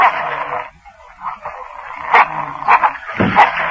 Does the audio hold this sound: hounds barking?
yes